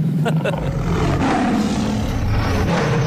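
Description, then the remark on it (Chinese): A tiger's roar plays as a mobile phone ringtone for an incoming call, loud, one sustained rumbling growl that fills the whole three seconds with a coarse, harsh texture. “我手机的彩铃，老虎的叫声。”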